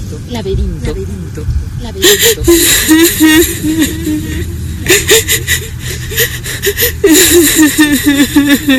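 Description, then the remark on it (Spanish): A woman, the nymph Echo, sobs in shaky, breathy bursts, her wavering whimpers broken by sharp gasping inhales, swelling in three main waves. “Hay alguien que está llorando. Son los sollozos de una mujer.”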